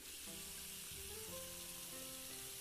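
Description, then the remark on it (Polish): Water streams steadily into a large pot to fill it with 6 litres, a continuous hiss with a faint ringing tone that climbs in pitch as the pot fills. No one speaks. “Także wkładamy garnek i lejemy. Potrzebujemy 6 litrów, okej.”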